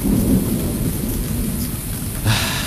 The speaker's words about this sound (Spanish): Llueve. ¡Puerta! Oh, cómo llueve.